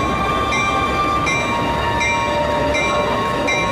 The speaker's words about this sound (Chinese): 前往南京的火车马上发车了，请各位旅客抓紧紧。前往南京的火车马上发车了，请各位旅客抓紧紧。 各位旅客马上就要发车了，把行李放好，注意安全。